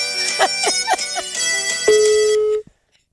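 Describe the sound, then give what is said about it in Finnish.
A mobile phone ringtone plays a bright, melodic electronic tune with several quick notes, then a sustained tone before cutting off abruptly; fairly loud, with no talking. “Aha, ota mä vastaan tähän vielä. Älä vastaa.”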